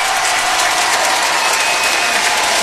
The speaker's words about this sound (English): Newsbury Scranton crowd saluting their Penguins once again as Sergei Murashov remains perfect through two periods.